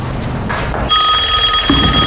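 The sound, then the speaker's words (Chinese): A telephone starts ringing abruptly after a short quiet moment, a loud, steady, high-pitched electronic ring that continues to the end without pause. No one speaks. “团长，杨排长电话已接通。”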